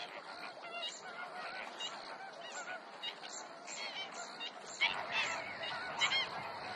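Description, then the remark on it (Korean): A flock of water birds at a lagoon in pine-surrounded lowland keeps up a dense chorus of honking, goose-like calls, overlapping continuously with louder bursts near the end over a steady background hum. “소나무에 둘러싸인 저지대에 위치한 석호는 다양한 새들을 불러모으는 장소이기도 합니다.”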